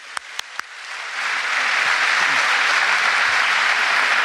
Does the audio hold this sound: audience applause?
yes